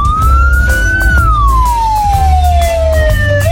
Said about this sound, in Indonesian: Dan yang ketiga, sirene saat mengantar pasien yang sudah meninggal, ini berbunyi lebih panjang dan lama pengulangannya.